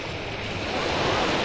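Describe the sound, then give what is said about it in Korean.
Steady roar of surf washing ashore at Gyeongpo Beach in Gangneung, South Korea, mixed with gusty sea wind buffeting the microphone, loud and continuous with no voices, on a hot, humid day. “네, 강릉 경포해수욕장에 나와 있습니다.”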